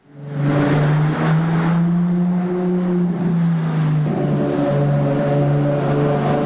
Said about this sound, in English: The roar of an engine, usually accompanied by a tiny number of passenger seats and a slick exterior.